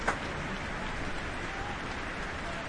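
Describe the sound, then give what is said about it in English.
Dense, steady applause from a large concert hall audience as the soloist takes the stage. It is a continuous crackle of many hands clapping at an even level throughout, with a brief swell right at the start. “And now you hear the crowd sing.”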